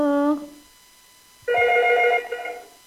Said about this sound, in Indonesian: Sudah ada telepon lagi kah, Kadiza? Iya, itu bunyi.